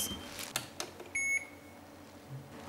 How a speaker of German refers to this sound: Das geht mein Handy.